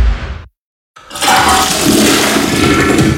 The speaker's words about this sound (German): die Toiletten läuft nicht ab.